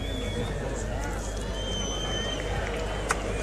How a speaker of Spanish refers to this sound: División de opiniones, quien aplaude.